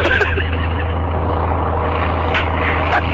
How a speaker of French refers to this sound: L'avion prend son élan maintenant.